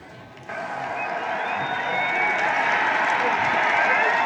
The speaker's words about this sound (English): And the roar is absolutely deafening out there as the Lions are Premiers in 2026. And what a victory it will be.